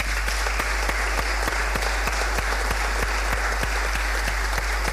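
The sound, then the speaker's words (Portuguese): An audience at the Prémio de Ensino Profissional Manuel Jacinto Alves award ceremony claps for the third-place winner in sustained applause, a dense wash of hand claps with a few sharper, regularly spaced claps standing out, holding at a constant level throughout. “Uma salva de palmas.”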